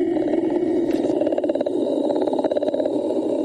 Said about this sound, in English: That's a sand sea trout solo.